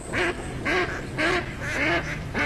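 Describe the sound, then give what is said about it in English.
A run of about five loud, nasal duck quacks in a steady rhythm, clear, with no voices, over faint background noise. “Do you hear that? Now that's music to my ears. Time to gear up for bird season.”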